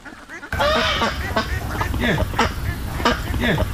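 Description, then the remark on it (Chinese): A flock of free-range ducks of various kinds, where people collect duck eggs, quacks continuously, with loud, raspy, overlapping calls in quick irregular bursts that start abruptly after a brief quiet moment and keep going steadily. “嗯，对对， 这儿就是各种鸭子，就是散养。”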